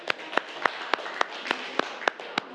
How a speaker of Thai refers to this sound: ครับอันนี้คือกลุ่ม6ทำดอกกุหลาบนะคะใช่ไหมลูกดอกกุหลาบเก่งมากปรบมือให้กลุ่ม6ก่อน